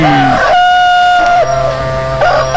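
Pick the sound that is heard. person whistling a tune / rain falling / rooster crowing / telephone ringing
rooster crowing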